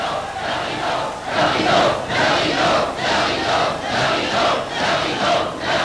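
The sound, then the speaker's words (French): A theatre audience clamours loudly, a dense roar of many voices swelling and surging in repeated waves, with no single voice standing out. “Écoutez-les, mon public. Mon cher public.”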